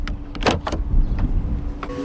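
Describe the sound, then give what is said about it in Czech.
A Waymo self-driving robotaxi's door mechanism whirs and clicks on a city street: a low motor hum runs throughout while a few sharp mechanical clacks and thumps mark the handles automatically extending and the door unlatching, with no voices. “A už si to jedno šine přímo ke mně, tady u mě zaparkovává, zastaví, vyběhnou mu takové ty páčky, že se automaticky ho můžu otevřít, tak jdeme to zkusit.”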